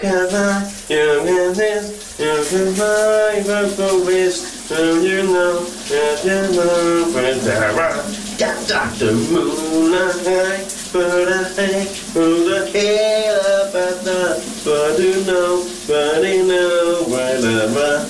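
A morning shower runs with a steady hiss of spraying water in a bathroom while a man sings loudly and melodically over it the whole time.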